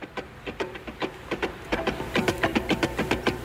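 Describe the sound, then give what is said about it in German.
Car tires clack rhythmically over the joints of a bridge in Miami, a steady run of sharp, evenly spaced knocks that grows slightly denser and louder, with a faint mechanical hum underneath and no voices. “Und dazu die Geschichte, weil die Reifen beim Überqueren einer Brücke in Miami immer dieses gleichmäßige Klack, Klack, Klack gemacht haben und daraus wurde der Groove für diesen coolen Song.”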